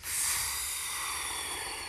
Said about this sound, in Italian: Ma che stai facendo? Perché soffi? Sto attivando il mio superpotere.